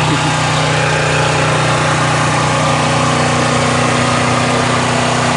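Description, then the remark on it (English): The motor of an electrofishing boat drones steadily and loudly, a constant mid-pitched engine hum with a broad mechanical rumble that never lets up for the whole stretch, as the rig goes by with suspended chains dragging through the water. “If Mad Max had a boat, this would be it.”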